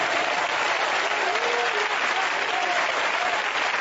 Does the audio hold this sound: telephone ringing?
no